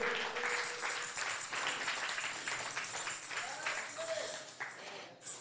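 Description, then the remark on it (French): An audience applauds steadily for several seconds, a dense wash of clapping that holds at an even loudness before tapering off near the end. “Bah, bon, j'en crois applaudissement pour ça, moi, soir.”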